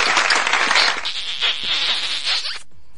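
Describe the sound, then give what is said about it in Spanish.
A dense burst of clapping, like a crowd's applause dedicated to the people of Campeche, fills about two and a half seconds with a bright, crackling wash, then cuts off abruptly into near silence. No one speaks. “Aplausos para ellos, que sí, también.”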